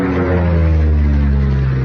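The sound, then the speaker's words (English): A steady, loud engine drone with a deep harmonic hum, like a propeller airplane passing close overhead, holding constant throughout the short stretch with no voices. “We own a plane.”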